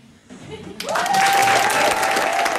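Audience applause after a song performance starts faintly, then bursts into loud, dense clapping that holds steady to the end, with a thin sustained whistle-like tone running through it.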